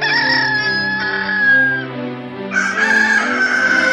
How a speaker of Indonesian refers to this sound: Sewaktu ayam jantan berkokok saut-sautan, dikala fajar terbit merentang garis cahaya di ufuk timur,